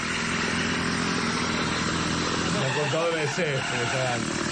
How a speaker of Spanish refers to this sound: Este artefacto. Bueno, con la mira. Es una motosierra también, ¿eh? Es una bordeadora.